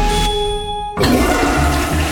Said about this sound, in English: Do you hear that? That's millions of liters of raw sewage dumping straight into Winnipeg rivers. Disgusting.